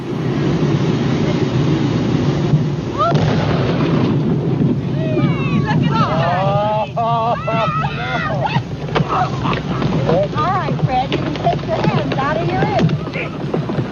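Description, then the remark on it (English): A heavy, sustained explosive roar and low rumble from dynamite detonated at 3:45 p.m. under a beached whale, with the watching crowd held back a quarter of a mile; excited voices shout and call out over it partway through. “The dynamite was detonated at 3:45 p.m.”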